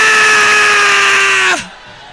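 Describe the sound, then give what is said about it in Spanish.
A loud church audience roars and shouts together in praise of God over a steady held musical tone, the dense wash of voices cutting off abruptly after about a second and a half, leaving faint murmuring. “Alábale, alábale, grita, grita alabando a Dios.”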